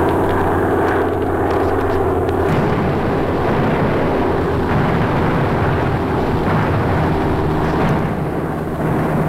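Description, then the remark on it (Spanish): Aircraft engines drone overhead in a loud, unbroken roar, with steady low humming tones running beneath a rough, rumbling wash of noise for the whole stretch. “De pronto, oímos el ruido de motores en el cielo y nos tumbamos en la tierra.”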